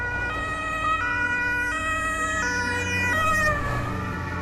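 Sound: ambulance siren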